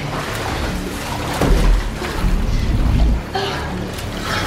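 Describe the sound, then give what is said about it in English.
Water rushes steadily into a glass cell in which a woman is trapped while she tries to break the glass, a continuous churning wash with a few deep, muffled thuds and surges rising beneath it. No one speaks. “Triss tries to break the glass as the cell gradually fills with liquid.”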